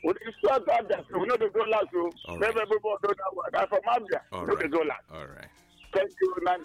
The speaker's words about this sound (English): Love the chirping birds in the background. Good stuff.